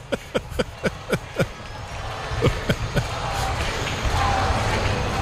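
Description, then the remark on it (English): A large baseball stadium crowd chants "Ozzy" in a quick, steady rhythm of sharp accented beats, then the chant dissolves into a swelling, sustained roar of cheering. “Crowd chanting Ozzy.”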